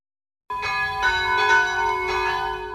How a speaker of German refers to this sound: Es ist 12 Uhr. Sie hören die Glocken des Kirchenzentrums St. Rupert in Fürstenbrunn bei Salzburg.